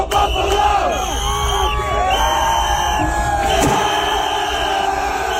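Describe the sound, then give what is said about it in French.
A loud, dense crowd cheers and yells continuously, encouraging men who strike a mannequin in a Montreal Canadiens (CH) jersey and jump onto a table that gives way, with overlapping shouts and whoops rising and falling and a sharp bang or clatter briefly near the end. “Toujours est-il que la foule, on l'entend, les encourageait.”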